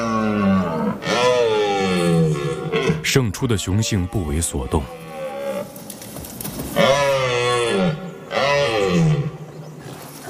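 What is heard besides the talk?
red deer stags roaring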